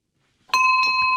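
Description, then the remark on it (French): A bell rings out clearly, a bright struck tone with sustained ringing harmonics that start abruptly and hold steady, with a few soft background sounds beneath it. “Voilà, c'est le son de la cloche, c'est parfait.”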